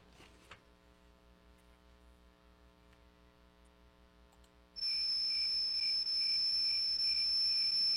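A low electrical hum fills the first few seconds, then loud, steady crickets chirping abruptly take over, a high continuous trill that runs unbroken to the end with no voices.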